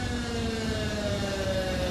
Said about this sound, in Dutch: Maar het is een of ander alarm wat er altijd af moet gaan op het moment dat, ja, ik heb hem hier.